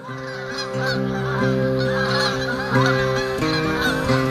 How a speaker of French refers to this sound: la voix de ma mère criera « Vous les avez entendus? Vous êtes sortis? C'est le grand jour de l'oie !» Et voilà que nous sortirons, les lacets traînants, pour nous imprégner de ce spectacle merveilleux.